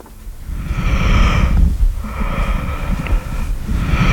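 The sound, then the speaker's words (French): Soft, muffled vesicular breath sounds of the lungs heard through a stethoscope, made by the alveoli folding and unfolding with breathing: two slow cycles of rushing airflow rising and fading over a low rumbling background, steady with no talking. “Oui, le murmure vésiculaire des alvéoles qui se plissent et se déplissent selon la mécanique respiratoire.”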